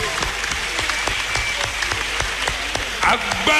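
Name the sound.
audience clapping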